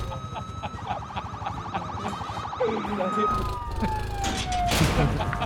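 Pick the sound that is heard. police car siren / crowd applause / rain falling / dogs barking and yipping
police car siren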